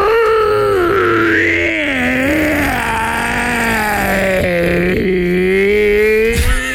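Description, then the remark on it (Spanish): A person imitates a hoarse, raspy howl like a wolf, one long sustained wavering cry with a rough, gravelly edge, loud, held for several seconds before breaking off. “Hacía un aullido como si fuera un lobo. ¿Cómo? Pero un lobo ronco, así como con problemas en la garganta.”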